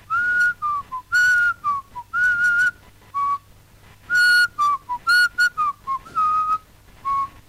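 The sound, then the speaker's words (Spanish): Someone whistles a slow, wandering melody alone, short tonal phrases rising and falling with brief pauses between notes, clear, with no talking. “Es como que recreamos la soledad de los afiliados que van silbando bajito, recordando una época gloriosa.”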